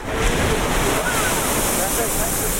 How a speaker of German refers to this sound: Eine heiße Quelle in Island. Nicht weit davon schießt plötzlich ein Geysir aus der Erde.